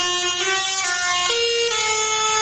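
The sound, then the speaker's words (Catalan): Tractor horns blare continuously in overlapping sustained tones, one pitch dropping partway through, loud with a dense street din beneath and no voices, at a tractor protest in the streets of Lleida by young farmers and ranchers of Catalonia against rising fuel prices. “En aquest cas són els tractors que s'han fet sentir pels carrers de Lleida, tracturada convocada pels joves agricultors i ramaders de Catalunya, en concret contra l'augment dels preus dels carburants.”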